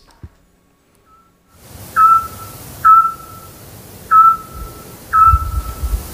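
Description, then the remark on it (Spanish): A scops owl calls at night, around 10 p.m., in the centre of the town of Peñaranda. It gives four short, clear whistled notes at steady intervals of about a second, each a single mellow pitch, over a low background rumble of night ambience. “Hombre, el autillo.”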